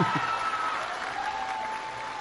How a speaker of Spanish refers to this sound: Con el permiso de nuestra presidenta Claudia Sheinbaum Pardo, bienvenida a San Jerónimo Purenchecuaro. Un aplauso para la presidenta.